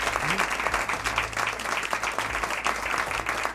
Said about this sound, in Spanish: Quería dar las gracias, como digo, a todos los amigos de Ser Historia que se han reunido aquí en este Scriptorium, a quien les pido un aplauso para saludar.